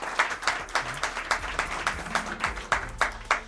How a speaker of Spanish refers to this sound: a quien pido también un aplauso para ellos.